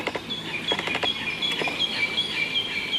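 Birds sing in a forest of giant Douglas firs in a recreation area, high repeated chirps and short whistled notes coming from several directions over a soft, steady rustle of wind through the treetops and a few scattered crackling steps on damp forest floor.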